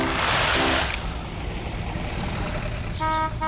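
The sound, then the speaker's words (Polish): A heavy cargo truck arrives, rumbling, letting out a loud burst of air-brake hiss and sounding short horn honks at the start and again near the end. “Na bok! Na bok! Cieszne rjady przyjedu. Dere, nakładne auto.”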